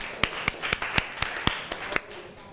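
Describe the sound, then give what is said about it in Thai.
Scattered classroom applause for a classmate who answered the teacher's question: about a dozen sharp, uneven hand claps from a few people over steady background hiss, with no one speaking. “ขอเสียงปรบมือให้เพื่อนอีกครั้งค่ะ”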